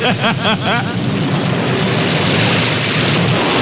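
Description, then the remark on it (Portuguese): Steady, loud rain hisses throughout, with a deep low rumble underneath like thunder. Brief wavering tones surface at the very start before the downpour settles into a constant wash. “Em alguns lugares já tá chovendo, né? Tá chovendo aí, porque aqui dão umas gotinhas d'água, viu?”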